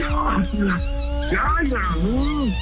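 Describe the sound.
A small female dog yips and lets out short, rising howls, its cries overlapping with people talking in the background and a steady hum.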